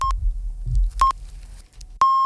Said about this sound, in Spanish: Mira que justo con los pitidos. Maravilla.